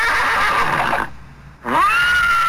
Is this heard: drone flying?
no